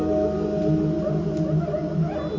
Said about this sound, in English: It's like a Kuisa. Ah, monkey drum. That's the name of it, Kuisa?